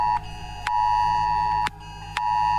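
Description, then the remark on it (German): A new smartphone's emergency alert blares during a test warning at 11 o'clock: a loud, steady electronic tone sounding in long bursts separated by brief pauses, with no one speaking. “Siehst du, neues Handy, jetzt geht die Meldung auch.”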